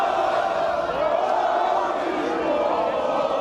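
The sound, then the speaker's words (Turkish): Dozens of celebrating football fans gathered in Berlin, Germany, chant slogans together in a steady, continuous roar, voices blending into a loud, sustained wall of sound from a packed outdoor gathering. “Onlarca taraftar bir araya geldi, sloganlar ve havai fişekler atıldı.”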